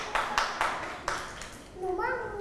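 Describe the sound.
Children clap their hands in a few scattered, uneven bursts, four or so sharp claps that aren't in unison. A child's voice then speaks briefly at the end.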